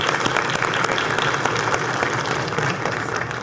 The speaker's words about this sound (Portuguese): A salva de palmas é para todos vocês.